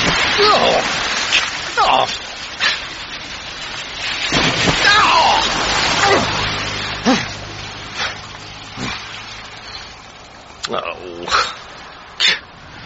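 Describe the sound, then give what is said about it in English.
Heavy rain pours down in a steady, dense hiss, leaving so much surface water on the road that passing cars drench a roadside hitchhiker in several sharp splashing bursts. Faint indistinct voices sound underneath. “The rain leaves so much surface water that Arthur is drenched in turn by several cars.”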